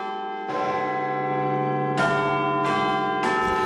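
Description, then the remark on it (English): The clock-tower bells of Big Ben ring out in four deep, resonant, loud strikes, each clang overlapping the long humming decay of the one before, with no voices present. “The sounds there of Big Ben, and of course the bells have tolled for Sir Keir Starmer, who has resigned as the Prime Minister of this country.”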